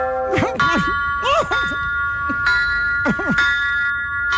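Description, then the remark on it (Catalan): Several church bells, the bells Antoni Gaudí imagined for the temple, ring together in a dense, overlapping peal, with repeated strikes every second or so and long, shimmering tones that hang and blend between them. The ringing is loud and steady throughout. “Unes campanes que Antoni Gaudí va imaginar pel temple i que, en principi, sonaran així.”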